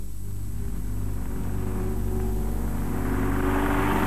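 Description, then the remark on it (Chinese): Motorcycle engines of a gang of bandits on motorcycles, surrounding people halfway to a performance venue, rumble and rev in a steady, loud drone that swells toward the end, with no voices over the noise. “当布朗和贾妮塔他们赶往演出地点走到半路上的时候，一伙歹徒骑着摩托车包围了他们。”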